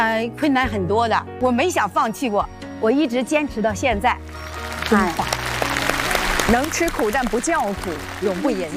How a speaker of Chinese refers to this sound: 值得我们线上热烈的掌声，太棒了。